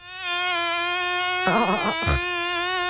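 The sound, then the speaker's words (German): A high-pitched whine of mosquitoes swarming around a person as the sun goes down drones steadily throughout, briefly swelling into louder, fluttering bursts, then settling back to its thin hum. “Diese Mücken. Ja, kaum geht die Sonne langsam unter, schwirren sie aber um einen rum.”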